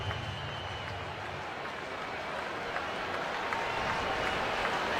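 A capacity stadium crowd on its feet at the Rogers Centre in Toronto during a Blue Jays baseball game against the Rays roars and cheers in a steady, dense wash of noise with scattered clapping, swelling slightly louder in the second half.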